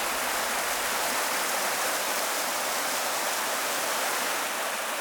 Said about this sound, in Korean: 화양천 맑은 물 따라 아홉 구비 계곡의 물소리 아름다운 곳, 화양 구곡입니다.